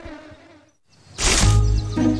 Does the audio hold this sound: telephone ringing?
no